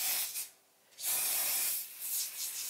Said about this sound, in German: Und dafür hat unsere Expertin einen echten Geheimtipp. Backofenreiniger. Wir sprühen das jetzt hier dünn ein.